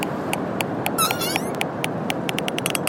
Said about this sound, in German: Auch wenn ihr Gesang für uns Menschen etwas befremdlich klingt, Grindwale sind soziale und kommunikative Wesen.